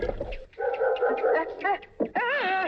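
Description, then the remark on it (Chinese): A dog, Ahuang, barks and yelps excitedly, its loud, pitch-sliding cries running almost without pause, with one brief break near the middle. “自是每见小虎，阿黄必扑叫不停。”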